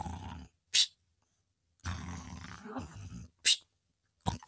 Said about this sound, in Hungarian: Öreg tengerész hortyogott a fedélzeten.